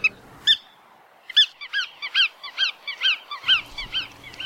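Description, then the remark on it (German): Bar-tailed godwit calls, a rapid series of nasal, yelping notes repeated in quick rhythm, clear, with a low rumble of wind or background noise at times. “Und damit der Vogel der Woche, der Iron Man unter den Zugvögeln, alle mal unter den Wartvögeln, die Poolschnepfe.”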